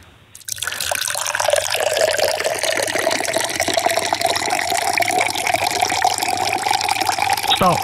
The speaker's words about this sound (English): Andrea is about to commence the pour. You just need to shout stop. Here we go.